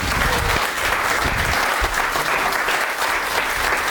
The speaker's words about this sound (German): So richtig so, wenn ihr in beide Hände klatscht, ist das sogar lauter, ne? Also wenn ihr jetzt mal so richtig Gas gebt, vielleicht kommt die dann, ne?